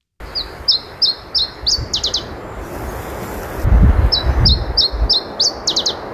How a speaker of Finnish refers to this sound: Kuuntelin sitten netistä nauhoitteita Iberian tiltatin laulusta ja siinä vaiheessa se humahti, että täsmälleen niin kuin yksi yhteen tämä laulu, täsmälleen samanlainen laulu.